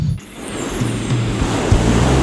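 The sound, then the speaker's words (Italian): Waves breaking on a shore in a steady, continuous wash of surf, loud, with a faint low hum underneath. No one speaks. “Sole, mare, relax.”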